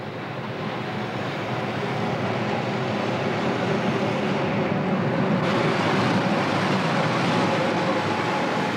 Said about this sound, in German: Achtung, Gleis 3, Einfahrt des Berliner Express nach Tirano, Inhalt in Berlin der Oliza, Ospizio Berliner. Alpgrün, Boschiamo de Prisli, Brusio Campo Florio, Abfahrt 10.58 Uhr.